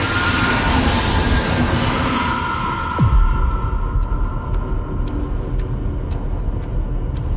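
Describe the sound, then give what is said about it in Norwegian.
A passenger train brakes hard at full speed, rumbling loudly, its brakes letting out a sustained high metallic screech. Partway through, a sharp downward sweep cuts in, and rhythmic clicks of the wheels follow. “Og samtidig så hører han at togføreren på det andre toget bremser.”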